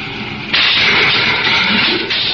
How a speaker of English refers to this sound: We're coming alongside. Give me braking rockets full. Braking rockets full.